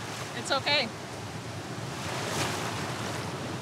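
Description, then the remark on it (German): Steady rushing surf of the Baltic Sea at Langeland during an open-sea swimming lesson, with a wave swelling and breaking partway through, under a constant wash of wind-blown noise. A couple of brief high chirping calls cut in near the start. “Es gibt nur viele Wellen.”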